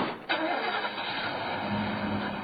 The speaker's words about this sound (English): The panel truck fishtails down Quadra Street, and I'm suddenly alone.